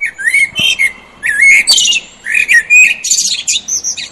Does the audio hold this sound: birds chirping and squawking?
yes